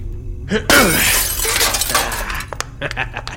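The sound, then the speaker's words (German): A sudden loud crash of breaking glass as the locked milky glass door of a white medicine cabinet is smashed with an elbow, followed by a scatter of tinkling shards falling and settling over the next couple of seconds. “Mein Ellenbogen ist besser als jeder Dietrich.”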